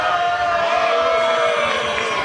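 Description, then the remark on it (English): A large baseball crowd at a Hops game jeers loudly and steadily as pitcher Gonzalez steps off, a dense wash of voices with shrill whistles and hoots riding on top, continuous throughout with no single voice standing out. “He hears it from the crowd.”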